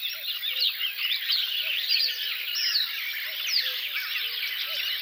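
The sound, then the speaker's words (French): A marsh warbler pours out a busy, continuous stream of chattering, mimicking song, while a common cuckoo calls faintly and repeatedly beneath it. “Coucou et Rousserolles vers de Rolles.”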